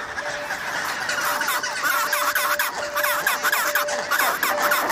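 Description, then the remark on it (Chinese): A reunited pair of chinstrap penguins call to each other in greeting, loud, harsh braying bursts repeating rapidly and overlapping, with a busy colony murmur behind them and no talking. “终于，帽带企鹅夫妇再次团聚。他们做的第一件事依然是问候彼此。”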